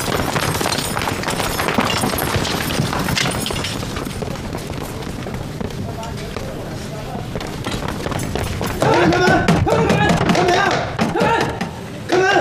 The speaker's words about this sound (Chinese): 开门！ 撞门！ 哎，福大人有令，撞啊！撞门！来来，你撞门啊！撞啊！怕什么呀？撞！